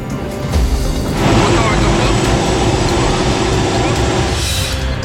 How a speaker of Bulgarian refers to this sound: В сезона на пожарите специален репортаж на борда на военния хеликоптер «Кугър».